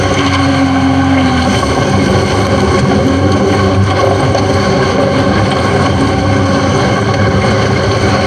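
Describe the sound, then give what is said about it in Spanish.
A heavily loaded car's engine drones loudly and steadily, labouring under strain on a rough track with a rough, rumbling tone and a brief higher whine near the start, with no one speaking. “Que el carro va pesado, no lo saca.”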